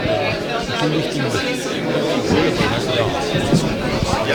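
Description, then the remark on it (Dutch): A dense, steady murmur of many overlapping voices, the indistinct chatter of an audience streaming into a concert as the musicians stand on the stage, with no single voice standing out. “Dus het publiek stroomt er binnen en de muzikanten staan nu op het podium, dus die gaan zo dadelijk beginnen.”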